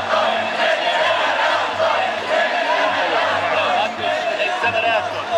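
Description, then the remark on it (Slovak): A large crowd protesting against a nuclear reactor shouts and clamors together in a steady, dense roar of many voices that holds loud for several seconds, with a low hum running underneath. “A DAV reaguje.”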